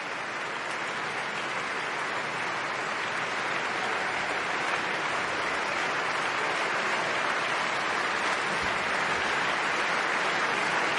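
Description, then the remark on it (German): A large concert audience at the Musikfest Berlin applauds steadily after a performance of Taras Bulba by the Berliner Philharmoniker under Sir Simon Rattle, a dense, continuous wash of clapping that stays loud and even throughout, with faint cheers mixed in and no talking. “Das Publikum jubelt und Sir Simon Rattle, 16 Jahre lang, der Chefdirigent der Berliner Philharmoniker, geht doch mal in sein Orchester, um sich bei allen Stimmführern zu bedanken.”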